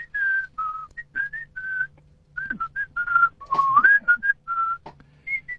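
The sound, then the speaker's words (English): A person whistles a song melody, a series of clear sustained tones rising and falling in a tuneful phrase, fairly loud, with a faint low hum underneath. “Well, I could whistle my part right now.”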